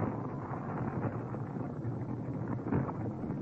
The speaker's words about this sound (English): This shack will go up like paper. Boy, look at it burn, huh?